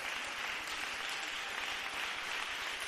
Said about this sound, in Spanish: Démosle un fuerte aplauso al Señor Dios de los cielos. Con este aplauso vamos a finalizar. Aleluya. 30 segundos de aplausos.